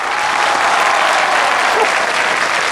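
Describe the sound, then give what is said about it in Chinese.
A large audience claps steadily and loudly, a dense wash of applause that holds at a constant level throughout with no voices standing out. “明明今天我相亲，半路杀出个程咬金，大家给我鼓鼓掌”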